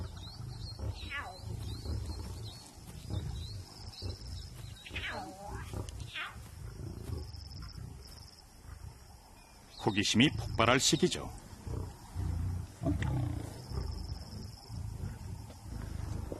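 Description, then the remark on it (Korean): Lions vocalize in a pride, with cubs giving short, high mewling cries as they join the family, and a louder cluster of growling calls partway through, all under a narrator speaking. “사자무리에게 지금은 풍요로운 시기죠. 새끼들이 가족 품에 안깁니다.”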